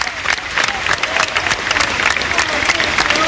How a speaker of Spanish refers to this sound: con el féretro cubierto por banderas sobre un carruaje tirado por 6 caballos y un sostenido aplauso de despedida.